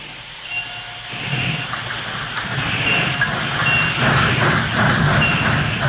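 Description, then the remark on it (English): A heavy work train rumbles steadily along the tracks, its low clattering growing louder after the first second, with faint high squealing tones riding over the continuous mechanical roar. “There goes the work train.”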